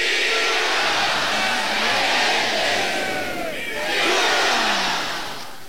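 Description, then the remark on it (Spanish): A large crowd at a bullfight roars the Aguascalientes shout and greeting, a loud, sustained cheer that swells twice, a dense wash of many voices shouting together without pause. “Y antes de que Isaías continúe con esta tanda, vamos a escuchar el grito y el saludo de Aguascalientes.”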